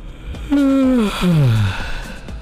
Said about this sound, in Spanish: Yo voy a hacer un bostezo aquí al aire. O sea, obviamente va a ser fingido, En eso me estoy durmiendo. Voy a fingir un bostezo y vamos a ver qué ocurre contigo, ¿va? Lo voy a hacer con toda la intención. Escucha, escucha.